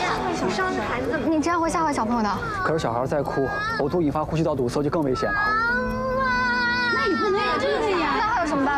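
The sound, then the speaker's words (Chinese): A young child of about three, strapped into a child seat inside a locked electric car, cries loudly and continuously, wailing in rising and falling sobs while adults talk over the crying. “可是小孩在哭，呕吐引发呼吸道堵塞就更危险了。”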